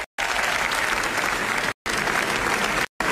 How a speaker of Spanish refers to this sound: estos son aplausos que, bueno, pues ya sepan nuestra corresponsal, pero no. Son para Pedro Almodóvar en el Festival de Cannes